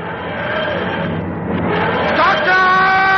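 The TARDIS dematerialising as Odysseus and his soldiers watch: layered, droning electronic tones swell and sweep upward in pitch, then settle into a loud, steady, ringing hum. No one speaks.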